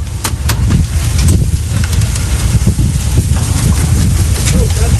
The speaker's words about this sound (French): Allez, ça y est, les premiers étriers de frein sont en train d'être retirés. Voilà, on donne des petits coups de marteau.